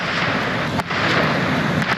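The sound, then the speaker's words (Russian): A Russian Gerbera attack drone flying overhead in Kramatorsk, heard as a loud, steady, rough engine roar that fills the whole stretch, dipping briefly once before surging back. No voices. “Это российский ударный дрон «Гербера».”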